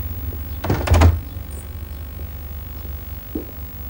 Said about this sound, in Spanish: Ella cierra la puerta.